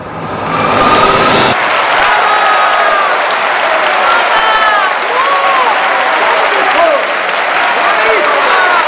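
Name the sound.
audience standing ovation applause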